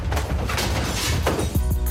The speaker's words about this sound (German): Aber macht langsam mit den hinteren Türen. Vor allem Kofferraum, sonst klingt's schnell so.